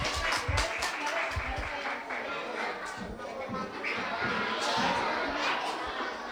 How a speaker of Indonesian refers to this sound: Sekali lagi bagi tepuk tangan yang meriah.